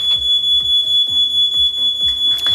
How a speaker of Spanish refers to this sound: Ya sabes que ayer por la tarde se declaró un incendio en la planta 25, en un cuarto en el que hay cuadros eléctricos, y eso hizo sonar todas las alarmas.